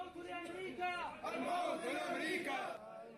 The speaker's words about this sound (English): Mourners gather outside this hospital in Mosul as bodies are carried from the morgue. The crowds chant. Among the criers, one calling for death to America.